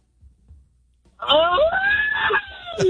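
A loud, sustained celebratory scream from one person, the birthday celebrant, rising sharply in pitch and held for well over a second after a brief quiet moment, with no talking over it.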